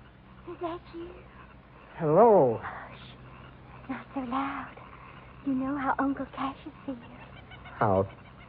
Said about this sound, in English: The bird called. I better answer.